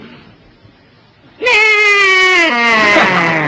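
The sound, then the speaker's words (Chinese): After a moment of quiet, a voice imitates a horse's neigh with a long, loud, quavering bleat that wobbles in pitch and steps upward toward the end, sounding more like a sheep. “你听我那个马一叫唤都这个声音。”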